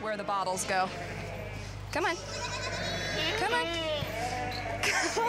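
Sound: goats bleating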